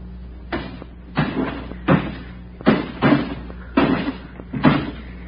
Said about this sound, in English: That got it. And we've knocked out every pane of glass in the place.